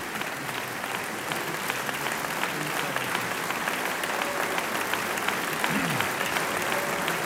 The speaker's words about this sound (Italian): Tanto è già cominciata la sfilata degli applausi per gli interpreti, sono tutti sulla ribalta.